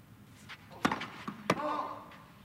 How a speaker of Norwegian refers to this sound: Bom på første serven. Fått en ny ball av ballgutten, spretter den, kikker opp mot Popperin.